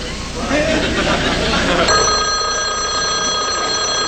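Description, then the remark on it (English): A telephone bell rings loudly and steadily, its bright metallic trill sustained through the second half after a short stretch of rough, noisy commotion. “Alonzo, answer the phone. The phone's ringing.”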